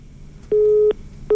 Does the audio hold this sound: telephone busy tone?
yes